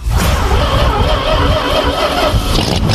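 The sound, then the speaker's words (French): A Citroën 2CV car engine runs steadily, its loud, throaty rumble and buzzing mechanical whine holding constant throughout. “Facile et pratique, c'est la voiture emblématique des Français.”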